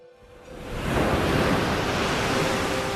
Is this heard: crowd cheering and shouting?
no